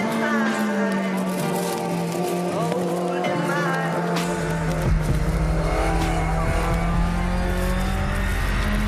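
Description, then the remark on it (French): A warmed-up rally car engine hums steadily from inside the cabin, a loud, even mechanical drone that deepens into a heavier low rumble about halfway through, with only slight shifts in pitch. “Déjà, rien qu'à la position de conduite, on sent bien qu'on est dans une voiture de rallye étudiée pour le rallye.”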